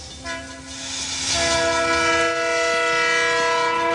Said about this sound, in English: Outside, a train glides over a railway bridge.